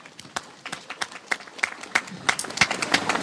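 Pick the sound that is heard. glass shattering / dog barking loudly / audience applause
audience applause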